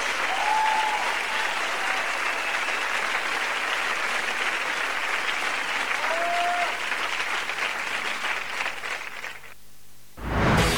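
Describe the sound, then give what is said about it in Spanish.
Sustained audience applause, a dense steady wash of many hands clapping with a couple of faint whistles, continuing for about nine seconds before cutting off abruptly. “Antes aplauso”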